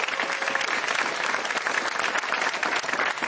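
Steady, dense applause from an audience welcoming a guest at a discussion with politicians, many hands clapping in a continuous crackling wash at even loudness for a few seconds, with no one speaking over it.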